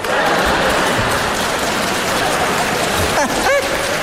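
Steady, dense audience applause fills the whole stretch, a loud continuous patter of many clapping hands, with a brief voice cutting through near the end.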